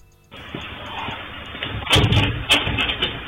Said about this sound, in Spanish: Ahí está abriendo la puerta.